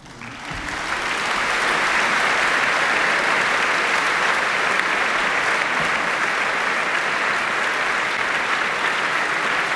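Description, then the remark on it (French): Sustained audience applause as soloist Clara Dietlin enters the concert stage, followed by conductor Anthony Hermus, swells up within the first second and holds steady and loud, a dense continuous patter of many hands clapping with no voices heard. “Et voilà donc l'entrée en scène de Clara Dietlin sous les applaudissements du public et d'Anthony Hermus qui la suit, le chef du Biennio.”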